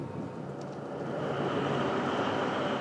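A diesel locomotive runs on a non-electrified line at a fuel tank depot near Wilhelmshaven, Germany, where 20 fuel wagons wait, with a steady, heavy engine rumble and a faint tonal hum on top, growing slightly louder over a few seconds, with no voices.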